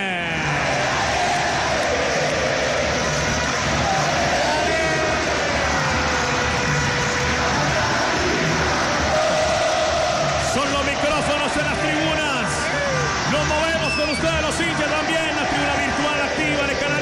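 Deportivo Cali football fans in a stadium roar and chant continuously during a match, around the 72nd minute with the score level, a dense, loud wall of many voices that fills the whole stretch without letting up, with no commentary over it.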